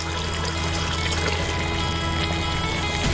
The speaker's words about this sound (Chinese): 用羊汤来煲 啊，原汤化原食。 对， 羊汤入锅，干香菇、桂圆干、片糖齐上阵，众多食材汇聚一锅。